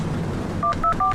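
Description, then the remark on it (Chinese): Three short electronic telephone keypad beeps as someone dials a phone call, evenly spaced in quick succession, each a clear dual-tone press over a low background hum. “我给你拨一下。”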